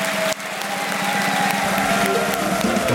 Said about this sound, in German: Und jetzt bitten wir mit einem frenetischen Applaus alle Gäste nochmal auf der Bühne, die da waren.